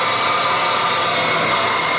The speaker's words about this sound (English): Well, my dad works in the airplane assembly line there in Texas. Sure would like to hear the sound of all the work going on in the plane for X-Packer.